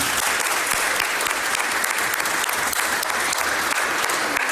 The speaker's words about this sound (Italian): Li ringrazio perché mi hanno permesso di rivedere una persona che per me è incredibile, eccezionale, che è il professor Giorlandino, e al professor Giorlandino io dedicherei il primo applauso.